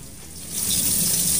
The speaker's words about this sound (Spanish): Lo que usted está oyendo es una fuga de agua de una matriz que quedó luego del incendio en Avenida... Perdón. Claro, en La España, cerca de Avenida La Paz. Frente de los departamentos quedó una fuga de agua. Sí, una fuga de agua profusa.